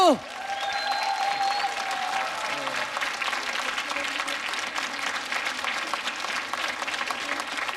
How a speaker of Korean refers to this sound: 고맙습니다. 자, 네. 박수!